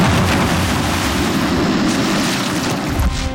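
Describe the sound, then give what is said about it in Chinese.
A bomb explodes with a loud, sustained roar and heavy low-end rumble, filling the whole moment with dense noise and fading only slightly at the end. The bomb was set off by a little gunpowder in a bullet. No one speaks. “虽然它爆炸的威力很大，但是引爆这颗炸弹呢，却是这颗子弹里一点点火药的人。”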